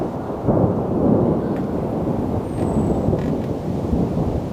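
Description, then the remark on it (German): Deep, continuous rumbling of thunder from dark storm clouds gathering over a treetop walkway in a deciduous forest rolls on for several seconds, loud and broad, with a faint hiss of rain or wind above it and no voices. “Dunkle Gewitterwolken ziehen auf. Falls sich ein Gewitter direkt über dem Baumkronenpfad befindet, muss der Rundgang geräumt werden.”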